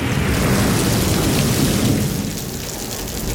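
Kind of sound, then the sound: nature, thunder and rain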